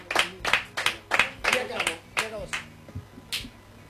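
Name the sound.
applause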